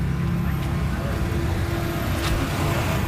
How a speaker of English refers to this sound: There's a bus arriving, and even more people are getting off to join the queue.